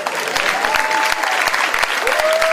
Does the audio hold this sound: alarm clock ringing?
no